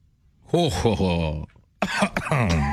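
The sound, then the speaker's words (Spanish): A theatrical evil laugh from a vampire with drawn-out, bending vocal tones, then after a short pause it breaks into loud, sputtering choking coughs as he chokes on his own saliva. “Triunfante, el vampiro quiso celebrar su victoria, se llevó las manos a la cintura, miró al cielo y soltó una carcajada malvada que terminó en tos porque se ahogó con su propia saliva.”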